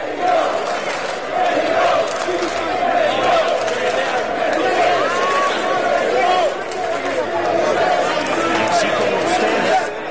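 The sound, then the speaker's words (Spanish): English football fans chant "México" loudly together as they leave the Estadio Azteca (Estadio Banorte) at night, a dense mass of voices shouting in a steady, sustained rhythm with constant crowd noise underneath throughout. “Así como usted lo escuchó, los ingleses se fueron gritando México del Estadio Azteca, Estadio Banorte.”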